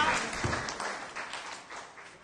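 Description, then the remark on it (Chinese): A group of people claps for a couple of seconds, a dense, steady patter of hands that stays fairly even before easing slightly, with no speech over it; elderly participants applaud after a classmate shares at a Wednesday drawing class. “好，拍拍手。”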